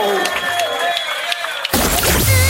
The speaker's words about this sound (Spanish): aplauso, fuerte el aplauso.